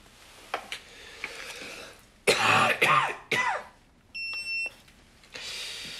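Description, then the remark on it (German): A burst of harsh, throaty coughing, three or four hacks in quick succession, followed by a short electronic beep tone. No one speaks. “Ist das mit dem Husten schlimmer geworden?”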